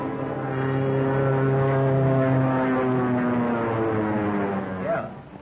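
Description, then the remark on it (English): A two-seater propeller airplane's engine drones loudly and steadily overhead, its buzzing pitch sagging slowly as the plane passes, with no voices. “Headquarters says Duff has grabbed the plane.”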